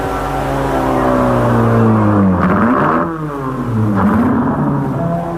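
A car engine revs loudly, its pitch sweeping up and down through several gear changes as the car is driven to the parking lot after a race, a steady mechanical roar with no talking.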